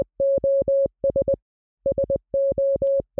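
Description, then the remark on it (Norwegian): A steady mid-pitched electronic beep keys out Morse code SOS: three short pulses, three long, three short, clean and fairly loud with no voices, repeating after a brief pause. “Hvis du skal sende et SOS-signal med morse, så høres det sånn her ut.”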